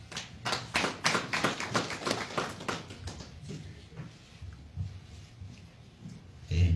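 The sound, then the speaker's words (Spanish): A round of applause from a crowd at a press conference on the problem of the Crespo mine in Chumbivilcas province, welcoming a representative of a district struggle committee: dense, loud clapping for about three seconds that thins out and fades, followed by faint murmuring voices and a brief thump at the end. “representante del Comité de Lucha del Distrito de Yusco, a quien también recibimos con fuertes aplausos.”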